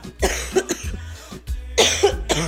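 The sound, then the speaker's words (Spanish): A person coughs several times in quick succession, harsh bursts with short pauses between them and no talking. “perdón, pero es que la tos no me deja.”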